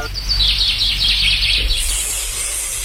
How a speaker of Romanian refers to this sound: Ascultă, dragă, ce frumos cântă păsărica aceea.